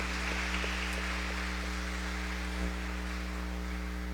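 An audience at a Catholic Mass claps for a woman's 90th birthday, steadily for about four seconds, a dense, even patter of many hands with no voices, over a low steady electrical hum.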